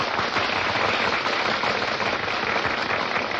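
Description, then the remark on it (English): A crowd applauds steadily, dense overlapping clapping forming a continuous crackling roar that holds at an even, fairly loud level throughout, with no voices heard. “Hey, they're applauding us.”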